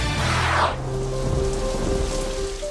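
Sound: thunderstorm rain with thunder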